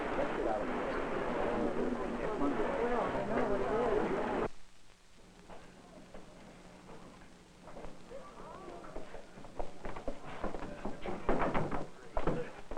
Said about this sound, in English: Sir, someone knocking at the outside door. Oh, all right, let's go.